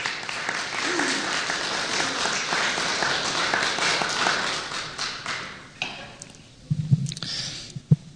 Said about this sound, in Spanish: Demos un aplauso fuerte al Señor.